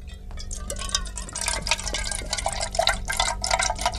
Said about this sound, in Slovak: No toto, vravel som si, veď v tej hadičke si dakto nalieva malinovku do pohára.